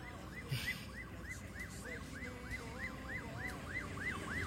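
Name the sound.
fire engine siren approaching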